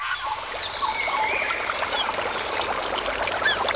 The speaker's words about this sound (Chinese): 溪流，森林，草原，大海。